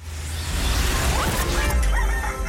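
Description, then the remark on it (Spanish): A rooster crows amid a dense, loud wash of background noise and low rumble, its strained call rising over the din for a couple of seconds without any voices. “A la hora en que los gallos cantan, la chula sigue dormida.”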